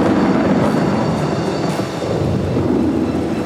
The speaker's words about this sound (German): Dadurch dehnt sie sich rasend schnell aus. Oft schneller als der Schall. Dann durchstößt die Luft die sogenannte Schallmauer. Und das können wir hören. Es gibt einen lauten Knall. Es donnert.